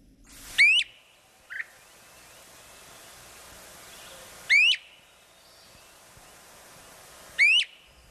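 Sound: great crested flycatcher call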